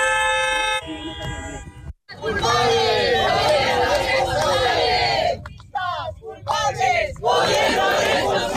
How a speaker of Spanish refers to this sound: Dentro del recinto, varias personas han protestado contra la presidenta, mientras en el exterior, activistas de colectivos sociales, como el sindicato de inquilinas, bloqueaban los accesos.